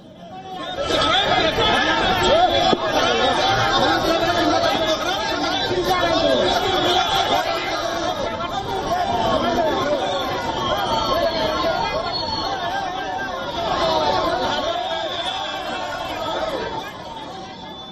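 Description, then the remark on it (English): A dense crowd of BJP protesters chatters continuously outdoors on the blocked Ratu Road during the statewide Jharkhand Bandh, with police intervening, many overlapping voices forming a steady, loud babble with no pauses, swelling slightly at moments throughout. “In another incident, the BJP blocked the Ratu Road during the statewide Jharkhand Bandh. A large number of police personnel intervened to stop the crowd.”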